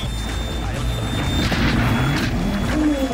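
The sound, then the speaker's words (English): Loud, continuous rally car noise from onboard Formo's car on a wet stage with standing water, broken by a couple of sharp crashing impacts midway as the car's door is ripped off against a tree. No one speaks. “He's ripped the door off!”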